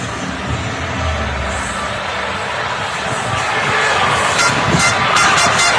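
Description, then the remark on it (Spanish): A dense outdoor crowd roar from a World Cup celebration street parade in Madrid, Spain, with a crowd gathered in a plaza, steady and loud, swelling slightly toward the end with brief bright bursts like whistles or shouts. “Bueno, pues este es el sonido ambiente de la Rúa ahora mismo y de esa plaza que está esperando para que podamos disfrutar de lo que va a ser seguro una fiesta absolutamente histórica.”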